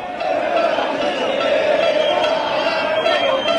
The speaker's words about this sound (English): Dallas, Texas, the World Cup game, and fans from Argentina and some Americans too. It sounded like this. Now imagine you're in this crowd, and it's your name being chanted.